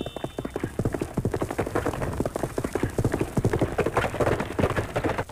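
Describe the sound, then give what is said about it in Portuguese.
An archival radio-drama sound effect from the golden age of radio soap operas: a horse gallops steadily, its hooves clip-clopping in a fast, continuous three-beat rhythm, fairly loud throughout. “como o som de um cavalo a galope, muito usado em Jerônimo, o Herói do Sertão”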